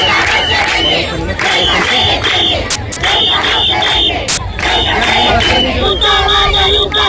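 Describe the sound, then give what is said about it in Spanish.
A large protest crowd in Ceuta, Spain, on a Saturday shouts and chants in rhythmic bursts, voices overlapping in a loud, continuous roar, punctuated by a few sharp, brief cracks or bangs. “Este sábado ha habido una nueva jornada de protestas.”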